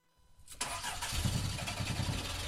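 A car engine cranks briefly and catches, then settles into a steady, rumbling idle as Plakhov sets off in the car, with no voices present.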